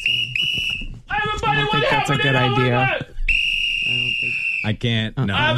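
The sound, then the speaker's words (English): Loud, shrill whistle blasts: a short double toot, then a longer sustained blast after a burst of excited voices, with more voices following. The whistle is blown by someone acting as a Walmart security guard. “Where's my whistle?”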